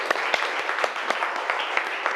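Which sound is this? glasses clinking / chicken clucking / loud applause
loud applause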